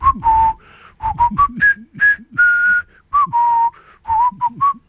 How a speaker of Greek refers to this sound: Αυτό το τραγουδάκι, έτσι, αυτό το σκοπό που σφυρίζαν τότε οι εχμάλωτοι.